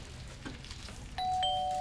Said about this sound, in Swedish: Nu, men då säger det pling plong.